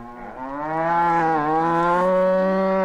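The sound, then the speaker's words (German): A single long cow moo with a low, steady drone that swells slightly and holds for about three seconds, heard alone without any talking. “Aber die Frage ist, was sagt die Kuh dazu?”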